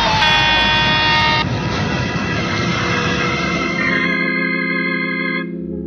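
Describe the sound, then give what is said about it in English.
A loud, sustained truck horn blares continuously over a heavy rumbling engine as the approaching truck fails to stop, the blast holding steady for several seconds before cutting off as the roar fades. “Stop the truck. He's not stopping. He's gonna hit us.”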